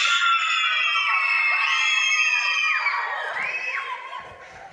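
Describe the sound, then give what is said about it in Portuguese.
A large group of schoolchildren from Escola Vergueiro loudly shouting their school cheer together, high voices overlapping in a sustained roar that tapers off slightly toward the end. “Cadê o grito da Escola Vergueiro?”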